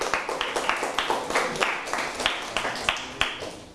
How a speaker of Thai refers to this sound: อ่ะปรบมือให้เพื่อนเช่นเดียวกัน